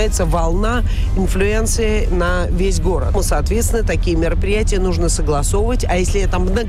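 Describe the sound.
A steady low engine and road rumble from inside a car driving on the outer ring road MKD runs throughout, with a person talking continuously over it.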